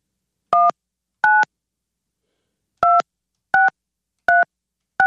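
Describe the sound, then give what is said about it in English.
Six short touch-tone beeps as the same phone number is dialed again on a phone keypad: two quick ones, a pause, then four more in a steady rhythm, each a clear dual-pitched electronic tone with silence between. “Try one more time. You're dialing the same number.”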